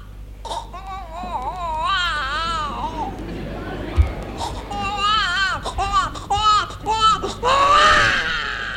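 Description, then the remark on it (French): A person imitates the voice of a one-month-old newborn baby, producing high, wavering wails and whimpering cries in a series of loud bursts with brief pauses between them. “Est-ce que tu serais capable, par exemple, de nous faire la voix, de nous imiter la voix d'un tout petit enfant, un nouveau-né?”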